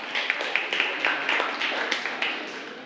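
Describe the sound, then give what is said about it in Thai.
A class of children applauding a classmate during a lesson, a dense wash of many hand claps with a few sharper, louder claps standing out at a steady, quick rhythm, with no talking over it. “เอาปรบมือให้เพื่อนค่ะ”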